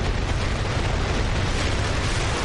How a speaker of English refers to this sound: The 200-ton Nuri rocket blasted off from the Naro Space Center in Gong, South Jeolla Province at 12:25 p.m. Wednesday.